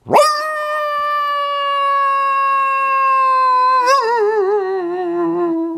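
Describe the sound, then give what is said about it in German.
A voice imitates a sad coyote howl: one long, loud wail that swoops up, holds steady for several seconds, then wavers and sags downward at the end. “Kannst du auch einen Kojoten nachmachen?”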